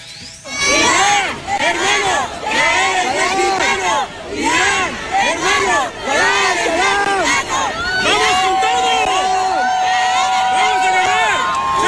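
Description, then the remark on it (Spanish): A large crowd in Tijuana, Baja California, chants loudly to send off Iran's national football team as it leaves and boards its bus for its debut match against New Zealand. The chant comes in rhythmic, repeated bursts, many voices rising and falling together, with a steady high tone holding through the last few seconds. “Escuchen cómo despidieron a la selección iraní cuando salía con rumbo a su debut, que está sucediendo en este momento, contra Nueva Zelanda.”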